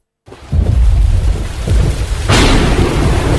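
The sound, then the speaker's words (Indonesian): Heavy rain pours down over Aceh Tengah in a dense, steady roar, with deep rumbling underneath like thunder, and the downpour swells louder and brighter near the end. No one speaks. “Suara hujan deras mengguyur Aceh Tengah selama 4 hari 4 malam.”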